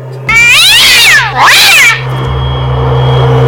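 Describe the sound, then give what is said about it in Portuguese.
A shrill, high-pitched cat meow sounds twice in quick succession, loud, rising and falling in pitch, followed by a steady low hum with no voices. “E aquele miado estridente de um gato.”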